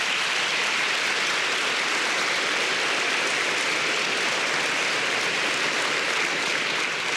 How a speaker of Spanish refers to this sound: Me dice amén. ¿Por qué no le da un aplauso al Señor?